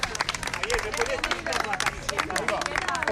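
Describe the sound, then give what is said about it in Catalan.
A crowd waiting behind barriers beside a hospital entrance cheers and shouts at actors Javier Bardem and Victoria Luengo over steady, dense clapping, with excited voices rising and overlapping throughout the short burst of applause. “entre els quals Javier Bardem i Victoria Luengo, que cridats per la gent que està esperant darrere d'unes tanques aquí al costat de l'entrada de l'hospital, els han cridat, han aplaudit i ells han anat allà a fer-se unes fotos.”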